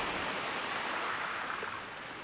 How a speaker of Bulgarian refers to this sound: Вълните се люшкат насам, натам и изглеждат най-твърдите неща.